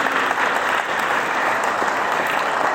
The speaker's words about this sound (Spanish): Así es que a ver, que se escuchen esos aplausos y que nos escuchen en todos los lugares, que nosotros aquí en Chayanta estamos celebrando la fiesta del Tata Espíritu.